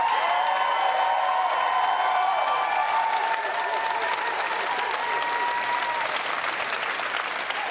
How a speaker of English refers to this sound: And Andy Burnham sweeping now himself into power. A large crowd here, long sustained applause.